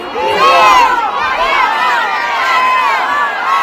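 A large crowd of football fans in Red Square (Plaza Roja) cheers and shouts together as the players embrace at the end of a match decided in extra time, a dense, sustained roar of many overlapping voices rising and falling without pause, loud throughout.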